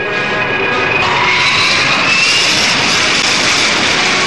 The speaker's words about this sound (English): And listen to the Rolls-Royce Fay engine. First come taxiing tests.